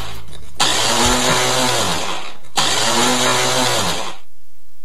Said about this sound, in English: Problematic blender. The worst, right?